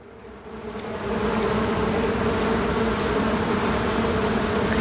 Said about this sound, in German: Oh, Hilfe hier, ne? So viel Summen. Aber ich würde sagen, das ist ein ganz schön großer Bienenschwarm, der da gerade auf uns zugekommen ist.